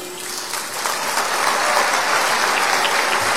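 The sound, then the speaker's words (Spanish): Sustained welcoming applause from an audience for the Ministry of Culture's women's concert marimba, a dense crackle of many hands clapping at once, steady and fairly loud throughout with no voices over it. “Aplausos de bienvenida.”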